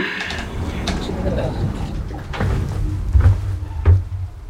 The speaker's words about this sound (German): Tür schließen.